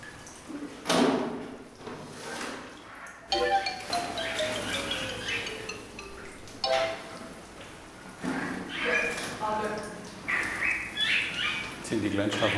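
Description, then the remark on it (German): Starlings chatter in a noisy flock as they move into winter quarters in the Africa House: rasping bursts, clicks and high whistles overlap, with one long whistle sliding downward, the calls rising and falling in loudness throughout. “Jetzt geht's geschnatterig gleich an, du.”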